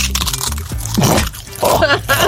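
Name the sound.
knee joint crunching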